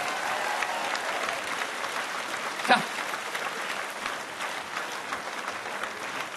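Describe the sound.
Steady audience applause fills the whole stretch, a dense wash of clapping with one brief louder clap standing out partway through, and a voice briefly heard over it.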